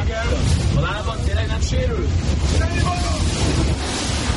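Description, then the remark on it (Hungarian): Heavy wind roars across the microphone on rough water of Lake Balaton, where water rescuers help a boat in distress, with waves and several voices calling out over the gusts throughout. “Ez pedig már a Balaton. Éppen egy bajba jutott járműnek segítenek a vízimentők.”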